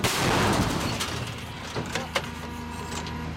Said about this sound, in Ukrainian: Але після кількох пострілів командир гармати кричить складатися та ховатися.